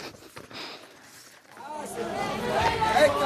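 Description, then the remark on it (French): Dense crowd chatter at the Café des Miroirs, called El Fichaoui by regulars, where tourists mingle with Egyptians: many overlapping voices murmur softly at first, then swell after a moment into a loud, continuous babble, with faint clinks of dishes mixed in. “Au Café des Miroirs, El Fichaoui pour les habitués, la foule est dense et les touristes ébahis et un peu apeurés se mélangent aux Égyptiens, venus là pour écouter le petit groupe de musique”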